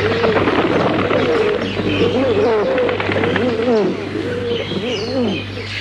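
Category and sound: bird, pigeons cooing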